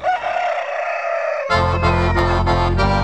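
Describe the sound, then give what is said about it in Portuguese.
A single loud rooster crow rings out for about a second and a half, then lively accordion music with a steady bass beat bursts in and carries on, a vaneira tune played on a radio program. “Olha o galo de espora chegando por aí na minha cordiona.”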